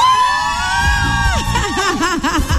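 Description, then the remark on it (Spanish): A crowd of women, listener winners on radio station La Reina 95.5, shout and cheer loudly in a contest where the loudest wins a grocery prize, high voices overlapping in long wavering cries that break into rapid rising-and-falling whoops toward the end. “¿Dónde está la mujer? La que más grite le da hoy al mercado de primera.”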